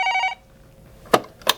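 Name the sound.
telephone bell ringing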